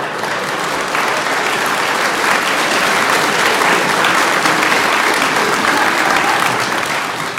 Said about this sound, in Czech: Vy tleskáte ze slušnosti nějak.